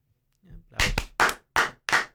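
Several loud, separate hand claps ring out close by at a slow, uneven pace, five sharp bursts in about two seconds, with a faint murmur just before them.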